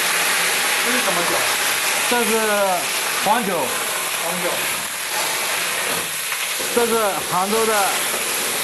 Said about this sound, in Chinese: 油拿好以后，把生姜、蒜啊， 炒香， 煸了香味煸出来以后，把这个鱼放上，马上把那个酒啊喷上去。